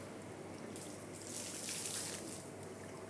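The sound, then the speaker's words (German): Water splashes and sloshes in a tank as an impatient animal with suckers churns it, a steady hissing churn that swells for a couple of seconds in the middle before easing back. It is moderately loud, with no voices. “Und ist auch als Wasserorgel einsetzbar. Das war, was ich gerade meinte. Das ist, wenn er ungeduldig wird.”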